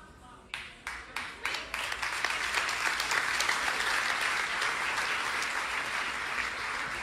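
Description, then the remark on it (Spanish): Congregation applause during a Spanish-language sermon begins with a few separate claps, then quickly swells into loud, dense, steady clapping that holds without a break until the end. “Si yo mido el nivel de revelación por la respuesta de los aplausos, el punto no es el aplauso, el punto es que tú tomes una decisión en este día.”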